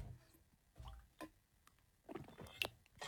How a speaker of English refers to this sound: Guys, if you have water in front of you, pop it in your gob right let's now. Let's all have a team sip, Australia. If you've got water in your hand, ready, let's all have a sip and stay hydrated. Here we go.